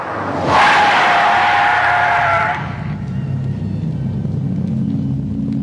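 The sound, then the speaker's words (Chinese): A car drives straight up to the door with a brief, loud hiss and squeal of braking tires, then its engine settles into a steady low idling rumble. No one speaks. “汽车径直开到门前的声音打破了此刻的紧张气氛。”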